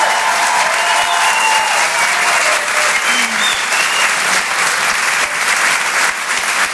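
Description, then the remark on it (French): Sustained, loud applause from a large audience at a Rire et Chanson show for a performer who has just finished, a dense wash of clapping hands with no pauses and no clear voices above it. “On peut l'applaudir très, très, très, très fort.”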